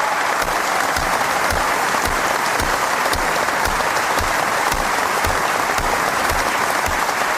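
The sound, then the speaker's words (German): Loud, sustained applause from a large standing audience in an exhibition hall, honoring playwright Milan Ude at a prize ceremony, with dense, steady clapping that holds at an even intensity throughout without any voices breaking through. “Das Publikum in der Messehalle erhob sich und belohnte Milan Ude mit lang anhaltendem Beifall.”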